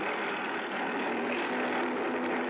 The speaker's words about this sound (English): I spotted Rollins' cruiser in one of the coves, and the pilot set me down nearby. A dinghy with an outboard motor came over from the boat.